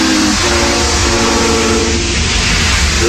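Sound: steam train whistle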